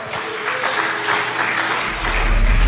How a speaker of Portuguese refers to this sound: Se é para aplaudir o Senhor, aplaude com vontade.